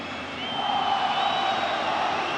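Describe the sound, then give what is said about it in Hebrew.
A big stadium crowd of Paris Saint-Germain supporters whistles in disapproval at a football match against Monaco while a goal is under video review, a steady, piercing wash of many whistles over a roar, swelling slightly and holding loud throughout with no voices standing out. “שריקות הבול של קהל אוהדי פריס סן ז'רמן, שלא מתאים להם הדבר הזה.”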